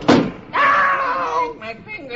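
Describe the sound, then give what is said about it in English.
A receptionist slams a window down onto Beetle's hand with one sharp, loud bang, followed at once by a long, wavering cry of pain, then a few shorter yelps. “And she slams the window down on Beetle's hand.”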